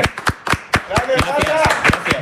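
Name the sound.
applause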